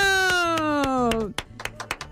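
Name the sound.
applause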